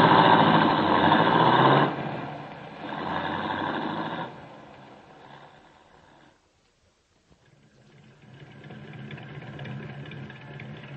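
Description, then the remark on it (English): A light blue sports roadster carrying three people roars loudly, surges again, then fades as it drives off down an alley; after a brief silence a steadier, quieter engine hum returns. No voices. “She's with two men in a light blue sports roadster. They went down an alley and turned parallel to the next street.”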